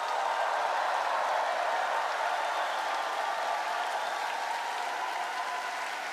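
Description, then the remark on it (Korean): A large audience applauds steadily at a patriotic festival concert after a performance by about 700 members of the Far East Broadcasting children's choir; dense clapping at a consistent loudness for several seconds, with no voices over it. “조금 더 박수 치겠습니다.”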